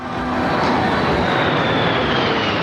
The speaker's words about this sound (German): während die Kampfflugzeuge der Air Force im Tiefflug über die National Mall in den Sonnenuntergang donnern.